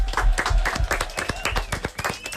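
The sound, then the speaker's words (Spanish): A burst of lively applause from a small group, many overlapping claps with no pauses, loud and steady throughout. “Aplaudimiento.”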